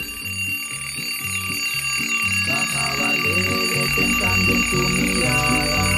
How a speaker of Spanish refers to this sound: ¡Ya le sonó el despertador!